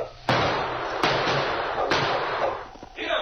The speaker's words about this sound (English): As Sergeant Preston, King, and Kate stopped where the prospector had been killed, they were suddenly startled by gunshots from the gully off to one side.